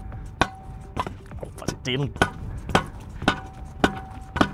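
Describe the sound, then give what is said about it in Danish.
A reporter bangs a hammer repeatedly on a metal object, about ten sharp, ringing clanks in a fairly steady rhythm, loud, with a brief voice sound partway through. “Det er selvfølgelig lidt sjældent, at det er reporteren, der står og banker skidigeren”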